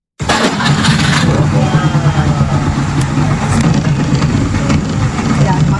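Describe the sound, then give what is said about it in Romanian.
A Trabant 601 car engine starts up abruptly and keeps running with a rough, steady, buzzing hum, loud throughout. “Am venit cu un Trabant 601.”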